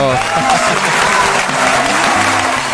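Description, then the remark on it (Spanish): Steady, dense applause on a Minuto de Dios radio broadcast, loud and continuous throughout, with many overlapping claps forming a bright, even wash of sound and faint low tones underneath. “Sí, señor, otro aplauso.”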